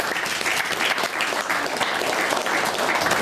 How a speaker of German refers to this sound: Nochmal einen Applaus für euch.